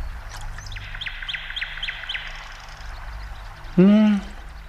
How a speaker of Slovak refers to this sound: No, to preca Slávika. Nepočuješ? Nepočuješ, ako krásne spieva?